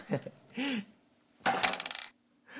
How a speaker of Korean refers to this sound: 그렇다면 계속해서 주사위를 굴려주세요. 이번엔 제가 굴려볼게요.